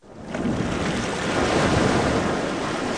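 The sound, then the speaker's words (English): Steady, broad rush of ocean surf washing onto a beach in Krabi, Thailand, on the Andaman Sea: a continuous hiss with low rumbling churn that swells in quickly and holds at an even loudness, with some wind. “Krabi is a tourist destination of seemingly endless beaches on the glittering Andaman Sea”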